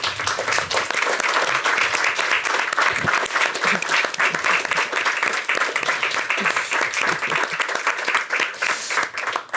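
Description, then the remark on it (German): An audience applauds the head of the Heidelberger Heidengesellschaft as she is invited onto the stage, a dense, continuous patter of many hands clapping at an even loudness throughout, with no voices standing out. “Ich darf Sie zu einem Kurzbesuch auf die Bühne bitten und Sie, sehr geehrte Damen und Herren, um einen kleinen Applaus”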